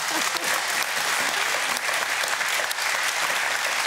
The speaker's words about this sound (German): Der Applaus geht nach Goslar.